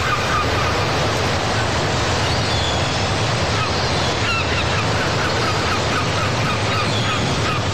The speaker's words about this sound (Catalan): El mar i les gavines, refrescant, no?, pels que no heu pogut anar de vacances, per aquells que heu tingut que passar les vacances a casa vostra.